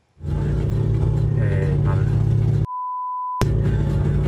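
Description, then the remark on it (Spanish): A car engine rumbles steadily and loudly, with people talking over it, and a sharp censoring beep cuts in briefly near the end. “Mira, el carro.”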